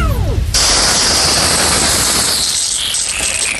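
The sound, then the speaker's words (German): A garden hose sprays water in a steady, loud hiss that starts abruptly after a brief burst of low, warbling tones and continues without a break to the end. “Das ist mein Gartenschlauch.”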